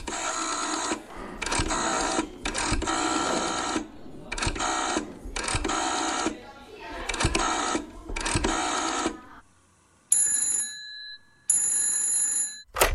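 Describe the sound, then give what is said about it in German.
A telephone rings twice near the end, two steady electronic bursts, after several seconds of loud rhythmic mechanical clattering in repeated bursts. No voices. It is a 1983 phone call between two children, one living in West Germany and the other in East Germany. “Und die beiden telefonieren.”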